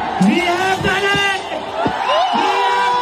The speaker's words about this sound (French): L'explosion de joie des jeunes manifestants sur l'esplanade de Jean Tarmentard.